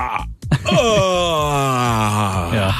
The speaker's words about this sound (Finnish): Nyt jos ajattelee sitä, niin kyllähän se haukotus siitä, kun se lähtee, niin kukaan ei ole haukotellut koskaan vaikka niinku sekunnissa. Sehän ei ole sinne, vaan sehän, kun se lähtee, se melkein loppuu, lataat sitä niin, ensin. Se on pitkä.